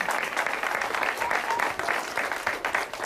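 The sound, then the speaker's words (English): A show audience with children in the front row applauds steadily for about three seconds, a dense, even patter of many hands clapping at a fairly loud, constant level with no voices standing out. “I'm rather flattered that you folks clap like you do, because they don't see before the show that, in fact, you got to keep clapping and clapping and clapping, and that's very nice of you.”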